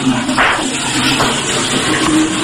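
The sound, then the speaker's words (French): A toilet at the Fun Radio station is flushed during a live broadcast, with a loud, steady rush of water, a continuous hissing roar that holds at the same level for a couple of seconds without pause. “Je m'enferme, je tire la chasse.”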